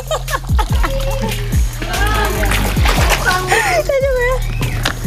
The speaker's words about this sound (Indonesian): Jadi kan bekas pengupasan masih ada tanah. Ini sambil dialiri air. Goyang ke kiri, goyang ke kanan terus.